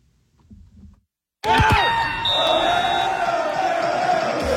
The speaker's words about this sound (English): And the cheers were loud, louder than that. Drinks didn't stop flowing either. Canada won their first ever FIFA World Cup game over Qatar yesterday.